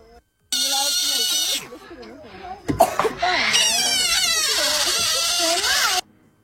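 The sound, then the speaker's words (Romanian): A baby otter's high, wavering squeals, repeated in quick succession with a warbling, crying quality, running continuously for several seconds before stopping abruptly. “Da, e un pui de vidră.”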